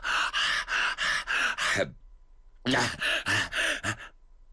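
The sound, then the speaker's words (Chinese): A storyteller's voice imitates the heavy, open-mouthed panting of a warrior catching his breath, broadsword in hand: two runs of loud, rapid, breathy gasps, about five in each, separated by a short pause. “他手中提着大刀，一手扶住铁锅梁，张着大嘴就喘开气了。”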